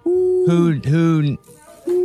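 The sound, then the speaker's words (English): A person imitates an owl with sustained, voiced hoots: a steady tone, then two bending, pitch-sliding hoots in quick succession, a short pause, and another steady hoot. Fairly loud. “Gotta be a who subject, hoot. Right? Yeah, it's gotta be hoot hoot.”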